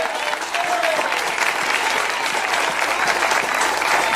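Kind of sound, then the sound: crowd, audience applauding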